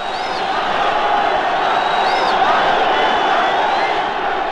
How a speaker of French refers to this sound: Je me trouve au milieu d'une foule de moins de 20 ans dont vous entendez les cris et les trépignements.